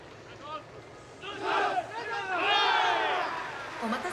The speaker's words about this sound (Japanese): そして拍手がだんだんと大きくなるようにボリュームが上がってきています。